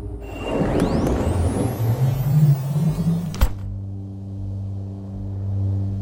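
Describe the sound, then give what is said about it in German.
A car rumbles and rolls along with a rising whine toward a large building, then a sharp thud as it halts, leaving a steady low engine idle humming afterward. “Wir rollen darauf zu.”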